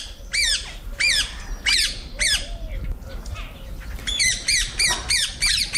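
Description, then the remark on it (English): Shrill, harsh squawks and whistles of small green parakeets in London repeat in quick bursts, with a few spaced calls early on and a denser flurry near the end, loud over a low rumble of background noise. “The chirp and whistle of the humble parakeet.”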